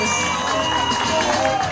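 A crowd cheers and applauds loudly and steadily at a runway show, a dense wash of clapping and excited voices that holds at the same level for the whole short stretch.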